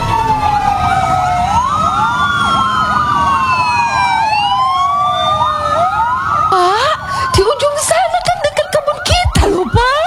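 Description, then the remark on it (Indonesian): A loud fire engine siren wails continuously with overlapping rising and falling tones, joined by a deep horn blast and rumbling engine noise near the end as the fire engine arrives at the scene of a fire. “Akhirnya pemadam kebakaran pun sampai di lokasi”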